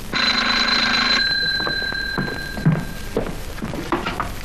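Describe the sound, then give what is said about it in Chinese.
A telephone bell rings loudly for about a second with a steady electric trill, a call for the section chief, then stops, followed by a few soft knocks and shuffling sounds. “处长电话。”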